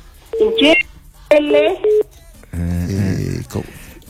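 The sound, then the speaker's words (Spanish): Short electronic telephone keypad beeps cut in on a caller's phone line from Caima, Acequia Alta, tangled with the caller's muffled, garbled voice repeating a name, before a clearer voice speaks for about a second. “Es que justo el punto del teléfono dio ahí.”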